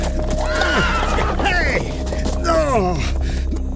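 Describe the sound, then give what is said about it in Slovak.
Several horses neigh and whinny loudly in overlapping bursts, their shrill calls rising and falling, while hooves clop steadily underneath as the horses run away, afraid to go further. “Kone utekajú. Boja sa ísť ďalej.”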